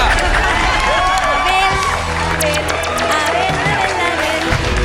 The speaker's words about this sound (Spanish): Y esa es una respuesta ¡Correcto! ¡Aplauso enorme!